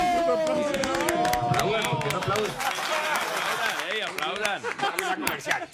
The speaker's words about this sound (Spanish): Por favor, un aplauso.